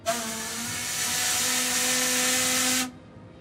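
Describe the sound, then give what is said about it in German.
A loud, steady steam whistle, sounded by pulling a lever, blasts for nearly three seconds, a hissing roar with sustained tonal pitches running through it, then cuts off abruptly into silence. “Ja, also wer die Warnung nicht hört, der hört die Pfeife.”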